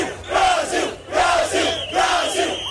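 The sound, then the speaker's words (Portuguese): A large crowd of Brazilian fans in the middle of the Shibuya crossing in Tokyo, Japan, chants "Brasil" in unison, three loud rhythmic bursts of massed shouting rising and falling about once every second, with a broad roar of voices between each call. “Os brasileiros saíram lá para o meio do grande cruzamento para gritar Brasil.”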